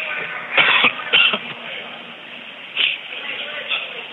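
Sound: coughing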